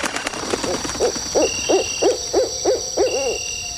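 A steady series of about ten short, soft hoots from an owl in the tallest pine nearby, evenly spaced, heard from a tent over a quiet night background with a faint high insect-like hum.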